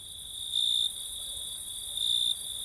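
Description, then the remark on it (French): Steady, high-pitched chirping of male crickets rubbing their wings together fills the cool evening air, a continuous shrill trill that swells slightly louder in two brief bursts, with no voices. “Au chant des grillons se superposait cet air délicieux entendu plus tôt.”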